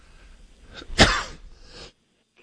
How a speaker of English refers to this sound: I apologize for coughing in the mic.